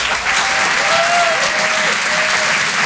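Loud, steady applause from an audience at the Grand Point Virgule comedy venue, a dense wash of clapping that holds evenly for about three seconds, with a few faint whistles or cheers rising above it, welcoming comedian Christine Bérou to the stage.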